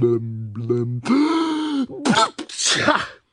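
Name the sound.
loud sneeze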